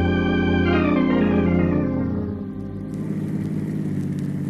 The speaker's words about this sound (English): Why in the world did the bus stop on the tracks? I don't know, but that's the main line from Chicago to California. It's a dangerous place to stall out.